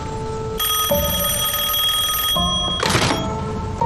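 A telephone bell rings in a steady, bright metallic trill for about two seconds, then stops, followed by a short clunk like the receiver being lifted. No one speaks.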